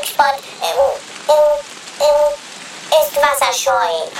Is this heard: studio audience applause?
no